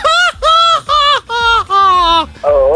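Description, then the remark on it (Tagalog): A loud jeepney horn blares a quick tune of six bright, buzzy blasts, each note held briefly with short gaps between, sounding alone without talk. “pahiram naman ng busina ng jeep na naalala nyo pa ba yung Kamodi?”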